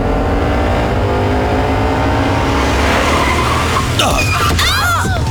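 A car engine drones steadily, then tires squeal in sharp, wavering high-pitched streaks as the vehicle brakes hard and skids over the final second or so, because another driver suddenly cut in front of it.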